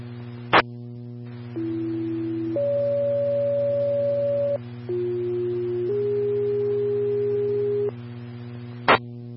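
Sequential fire dispatch paging tones alerting County Engine 61 and Medic 1 in the South Zone to a sick-person call: a click, then a series of steady pure tones stepping to different pitches for several seconds over a low radio hum, ending with another sharp click.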